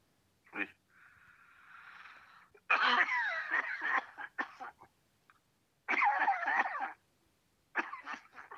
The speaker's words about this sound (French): T'as une sacrée toux, hein. Il faut que tu te soignes.